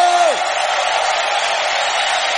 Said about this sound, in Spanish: ¿Cuántos pueden dar un grito de victoria, un grito de júbilo?